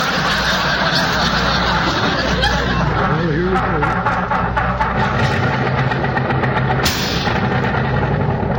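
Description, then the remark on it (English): An old car engine starts and runs with a loud, rough, continuous rattle and pinging knock, while voices and a bit of laughter come through over the noise. “Something about that ping in the engine.”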